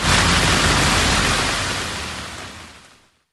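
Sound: heavy rain downpour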